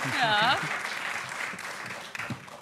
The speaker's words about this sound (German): Da geht ein Geraune durch das weibliche Publikum.